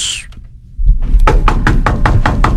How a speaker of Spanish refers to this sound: Ay, ¿quién está tocando la puerta tan...? ¡Voy! Que diga, no voy. Me da miedo. ¿Quién es?